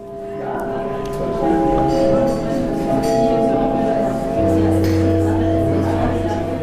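A theatre gong chimes with sustained, ringing tones, calling the audience into the auditorium, a deeper tone joining partway through, while an audience murmurs and chatters in the background.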